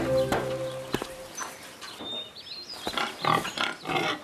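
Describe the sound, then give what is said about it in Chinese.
A pig grunts and squeals in a series of rough, uneven bursts, with faint bird chirps and a brief high tone mixed in. No one speaks. “我又带到一个俘虏，这家伙逃跑时还抢了乡亲们的猪。”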